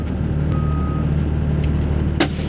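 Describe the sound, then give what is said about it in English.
A big white shuttle bus, which came from Flagstaff carrying river rafting clients, rumbles steadily down the road to Lee's Ferry, the starting point for Grand Canyon river trips. Its low drone fills the scene, with a brief beep and a sharp hiss of air brakes near the end. “A big white shuttle bus is lumbering down the road to Lee's Ferry, the starting point for river trips down the Grand Canyon.”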